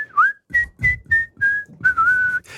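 A person whistles a short tune: five or six clear, piercing notes in a steady rhythm, ending on a longer held note, with some breathy noise underneath.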